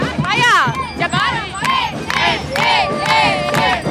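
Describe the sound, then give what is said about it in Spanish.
A large crowd, many of them young people, shouts and cheers loudly and continuously at a 15 September patriotic parade, many voices overlapping in rising, excited calls that swell and fall in waves. “¿Cómo gritan?”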